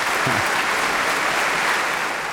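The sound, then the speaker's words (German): A dense wash of audience applause after a concert performance led by a conductor who is a Bach expert, many hands clapping steadily at once with no gaps, fairly loud and sustained across the whole moment, with no voices standing out. “Ja, mit dem Beifall hatte ich jetzt nicht mehr gerechnet.”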